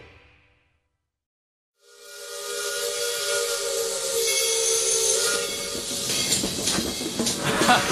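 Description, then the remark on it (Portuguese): A steam train whistle sounds with steady harmonic tones, then loud hissing steam builds and rushes on, the whole scene powerful after a brief silent start. “Sai da linha que o trem te pega, companheiro!”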